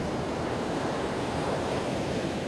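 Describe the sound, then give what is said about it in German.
Steady roar of ocean surf mixed with gusting wind, a dense continuous wash of noise with no distinct breaks, fairly loud, with no voices. “in den Gedichten von Jennifer Pöhler hört man die Brandung und den Wind ihrer Wahlheimat”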